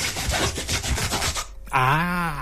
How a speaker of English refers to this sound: But it's rather quick for a saw. Okay. It could be a saw. A saw. Yeah. You're sawing something? Yeah, because especially the longer saw. Okay. Which both ends has got a handle. You know that one? You can actually have two persons sawing a log of wood